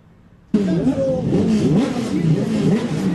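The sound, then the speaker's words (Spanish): Turismo Carretera racing car engines rev loudly and continuously ahead of qualifying in San Nicolás, on a sunny, dry day of about 20 degrees. Their pitch rises and falls in wavering sweeps, kicking in abruptly after a brief moment of near silence. “Ruido de motores, de altavoces, se viene la clasificación del Turismo Carretera.”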